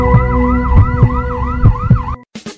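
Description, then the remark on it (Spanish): An ambulance siren wails in a fast, repeating rising-and-falling pattern, loud, with low rumbling thumps beneath it, then cuts off abruptly followed by a brief noisy burst. “Ambulancias SPEC. Un gran equipo a tu servicio. A una llamada de distancia.”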